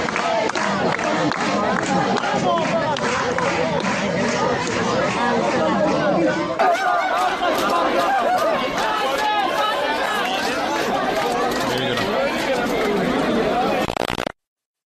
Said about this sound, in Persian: اعتراض دانش آموزان یزد مقابل اداره کل آموزش و پرورش این استان به تنش میان دانش آموزان و نیروهای حکومتی منجر شد.